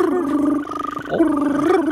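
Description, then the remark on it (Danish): A human voice imitates the call of a European green toad, holding a steady, buzzing mid-pitched tone for two seconds, with a rolling, pulsing trill in the middle before it smooths out again. “Sådan her lyder den grønbrogede tusse.”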